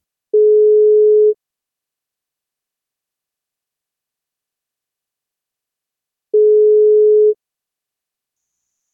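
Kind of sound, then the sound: signal or alarm, telephone ringing tone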